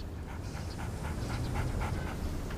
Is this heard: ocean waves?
no